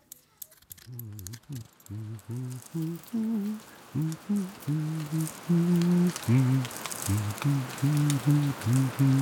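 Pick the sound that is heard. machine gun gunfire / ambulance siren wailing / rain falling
rain falling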